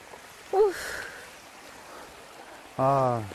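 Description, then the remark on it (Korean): A steady wash of flowing water from a mountain stream on Sobaeksan near Yeongju, South Korea, soft and continuous, with brief bursts of voices cutting in near the start and end. “물소리 좋다, 그지?”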